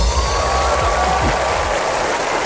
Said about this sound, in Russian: Но давай мы тебя поддержим как-то, я не знаю. Вот эти вот аплодисменты, пускай они будут в твой адрес.